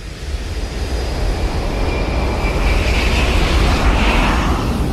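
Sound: jet engine roar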